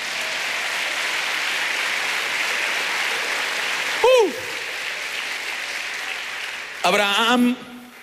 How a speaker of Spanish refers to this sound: Vamos, denle palmas al Señor.